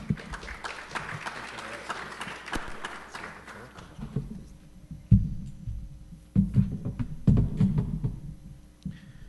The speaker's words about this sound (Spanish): Así que, por favor, le recibimos con fortísimo aplauso. Bienvenido, Monseñor.